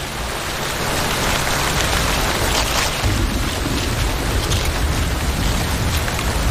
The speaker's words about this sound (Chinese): 雨下得更大了，雨滴顺着树叶滑落，淋湿了巢中的欧戈东雏鸟。